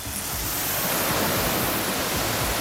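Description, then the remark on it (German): A garden hose held by an animal keeper sprays water on alpacas in their enclosure at Tierpark Luckenwalde, a steady, continuous hiss, fairly loud, with no pauses or voices throughout. “hat im Gehege der Alpakas den Wasserschlauch schon in der Hand. Na dann, kann losgehen. Okay, dann machen wir Wassermarsch.”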